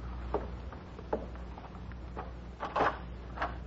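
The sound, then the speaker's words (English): A door is opened to answer a caller, with a handful of soft clicks and creaks, the loudest rattle near the end, over a quiet low hum in an otherwise still room. “I'll answer the door.”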